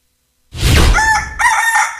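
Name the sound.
rooster crowing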